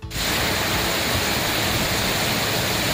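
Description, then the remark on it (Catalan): A dense, steady hiss of a heavy early-morning rain downpour across several parts of the country, pouring down without letup, a loud, even wash of sound filling the whole clip with no voices or distinct drops standing out. “Patac d'aigua concentrat i considerable a diversos punts del país,”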